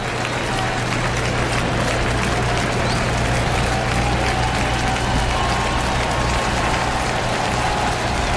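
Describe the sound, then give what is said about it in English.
A sellout crowd at a baseball stadium cheers and applauds to encourage pitcher Henderson, in a steady, dense roar of clapping and voices that holds at an even, loud level throughout, with a low hum underneath. “This sellout crowd coming to the aid of Henderson, cheering him on.”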